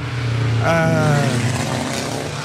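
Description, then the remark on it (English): A loud racing car engine roars past, its whining pitch rising sharply and then sliding back down, over a steady rumble of motor noise that fills the whole moment. Cars speeding through past the speed limit, a Jaguar among them. “Now, you people that are listening to our broadcast on your local radio will be able to hear some of these cars going through.”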